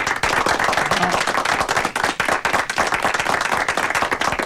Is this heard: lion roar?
no